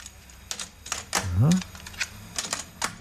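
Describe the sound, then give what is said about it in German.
A cassette recorder's lid snaps open, a tape is pushed in and play is pressed: a run of sharp plastic clicks and clacks, with a brief rising mechanical whir partway through. “Klappe auf vom Kassettenrekorder, Kassette rein, Klappe zu und dann natürlich Startdruck.”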